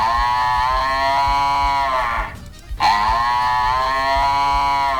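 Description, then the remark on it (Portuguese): A nervous cow on a farm moos loudly and insistently, one long strained bellow followed by a short breath and then another drawn-out moo, tense-sounding with no talking. “É, a vaca tá meio nervosa, gurizada.”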